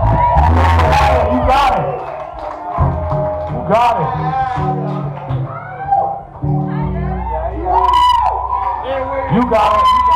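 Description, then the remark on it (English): A large audience gives a loud, sustained ovation of applause for themselves, with yelling, whoops and shouted voices dominating throughout the whole stretch. “Make a round of applause for yourself tonight.”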